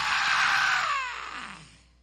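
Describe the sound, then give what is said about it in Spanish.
A preacher lets out a single loud, drawn-out scream during a sermon, its pitch sliding downward before it trails away over about two seconds, voiced as a deliberate imitation of an audience crying out. “¿Se recuerdan el gritito que pegué un ratito?”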